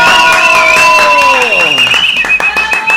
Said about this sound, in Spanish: el aplauso para el amigo Morán. ¡Fuerte el aplauso!